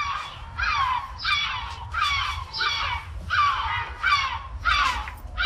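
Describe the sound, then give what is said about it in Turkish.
A yellow-legged gull gives a loud series of six harsh, laughing calls in a steady rhythm, each a descending nasal squeal, over a low rumbling background with no talking. “İzmir'de de 3. sırada Gümüş Martı ve İzmir.”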